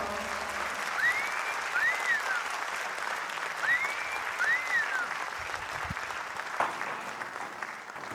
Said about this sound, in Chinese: 哎，谢谢， 谢谢，感谢，感谢咱吼，咱这爸爸妈妈无去嫌的掌声哦，多谢恁的掌声哈。